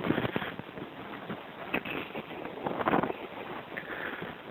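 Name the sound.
wind blowing outdoors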